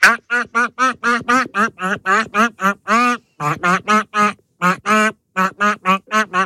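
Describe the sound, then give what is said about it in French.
A hit pop song rendered entirely in rapid, nasal duck quacks, each note a short squawk following a catchy pop melody in steady rhythm, loud, with brief pauses between phrases. “Je rappelle le principe, nous avons pêché un canard dans notre bac à canard, de notre pêche au canard, et nos canards ont la particularité de chanter des tubes en version canard.”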